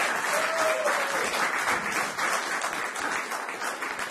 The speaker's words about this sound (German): Gebt ihm auch mal einen kleinen Applaus.